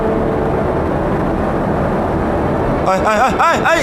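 A steady, loud airplane engine drone fills the cabin without letup as the plane nears an airdrop point, and near the end a person begins talking over the constant roar.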